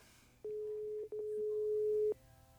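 A telephone ringing tone on a Movistar call line before voicemail: two steady, clear electronic tones, a short one followed almost immediately by a longer one, over a faint low hum with no talking.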